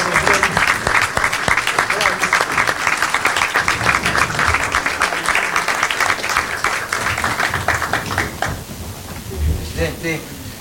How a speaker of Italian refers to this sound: Invito il Presidente, finiti i saluti, a prendere posto. Fate un applauso